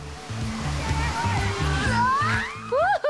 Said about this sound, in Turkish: 25 kilometrelik efsanevi rafting parkurunun sonunda ödül olarak gördüğünüz manzara... ...kanyonun duvarlarından görkemli şekilde akan bir şelale.